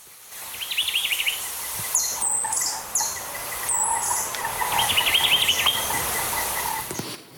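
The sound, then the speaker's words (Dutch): Two bright, rapid trilling bird phrases stand out, with a few thin high whistles between them, all over a steady outdoor hum of insects. The singing is clear. Three birds are heard, one of which lives only in Jamaica. “We horen zo drie vogels in actie, waarvan er eentje echt alleen op Jamaica rondvliegt.”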